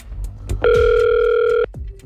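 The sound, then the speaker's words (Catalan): A single steady ringback tone from an outgoing phone call placed by Catalunya Ràdio sounds for about a second, clear and fairly loud, with only faint background noise around it and no talking. “I avui a marcar el telèfon de la Mercè. Hem marcat ja el telèfon.”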